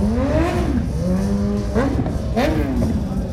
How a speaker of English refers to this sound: If you just look up and down the main drag of Lake George, motorcycle after motorcycle. Some are for sale, some are for riding. All I know is it's loud.